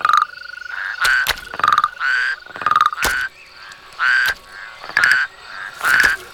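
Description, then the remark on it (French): Toads in a garden at nightfall, coming out of hiding to go into the water, croak in repeated bursts of rapid, rattling pulses, several calls overlapping with short pauses between them, and no voices present. “Regarde, les crapauds sortent de leur cachette pour aller se rafraîchir dans l'eau.”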